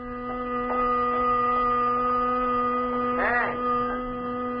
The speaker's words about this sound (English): I guess I fell onto the horn into my steering wheel. I couldn't seem to sit up straight and get away from the noise.